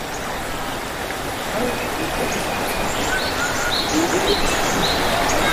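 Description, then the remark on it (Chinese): The flowing water of the Qingshu River, about 5 metres deep, rushes in a steady, unbroken wash at moderate loudness, with a few faint bird chirps sprinkled over it. “这条江就是青树江，水深呢大概是5米。”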